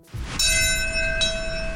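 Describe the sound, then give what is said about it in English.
The Bell of Hope, a large ceremonial bell, tolls twice at 8:46 a.m. at the 9/11 Memorial Ceremony in New York City, marking the time the first plane struck the World Trade Center; each strike rings out with a long, shimmering sustain over a low outdoor rumble of ambient noise. “The Bell of Hope ringing out at 8:46 a.m. this morning at New York City's 9/11 Memorial Ceremony.”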